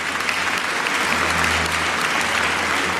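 Steady audience applause fills the whole stretch, many hands clapping densely and evenly at a fairly loud level, with no voices breaking through.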